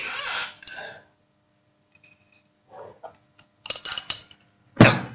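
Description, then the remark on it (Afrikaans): Someone takes a sip of water from a glass: a brief rustle, soft slurping and swallowing, small clinks, then a sharp knock as the glass is set down. No one speaks. “een slikkie water.”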